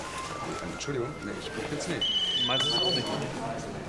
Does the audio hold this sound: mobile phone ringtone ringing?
yes